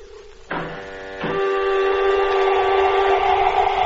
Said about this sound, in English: Airlock contact. Helmet fastened. Exhaust the airlock. Contact.